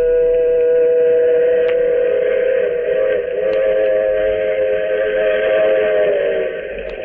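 train running with whistle

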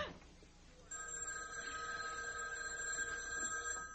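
house telephone ringing

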